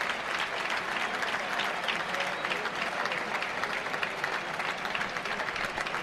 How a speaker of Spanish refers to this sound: Sí, ya dobla las manos, sí, dobla las manos. Pues ahí queda. Dobla las manos y ovación para el torero.